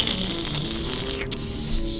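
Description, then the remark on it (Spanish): Steady, crackling sizzle of food frying in hot oil, a dense hiss dotted with rapid little pops that keeps going at an even level for the whole two seconds, with no one talking. “Es el sonido crujiente, por ejemplo, de cuando ustedes escuchan esto.”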